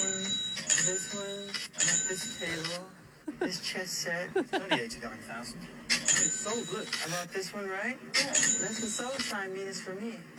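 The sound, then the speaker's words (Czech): High-pitched electronic beeping sounds in repeated bursts, a steady run of bright tones that stops and restarts, in an expensive Las Vegas store with Egyptian antiques as Michael Jackson goes shopping there, while several people talk loudly over and between the beeps. “Prostě to pípá, hodně to pípá.”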